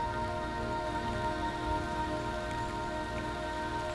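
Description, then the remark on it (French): Steady rain patters and rustles under a centuries-old fir forest at 1,000 metres altitude, 8:30 in the morning: a dense, even hiss with soft drips, continuous, with no voices. “Le bruissement de la pluie sous ces sapinières multicentenaires se fait entendre.”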